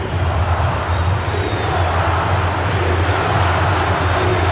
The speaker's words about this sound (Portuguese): E ó, ovacionado pela torcida, claro.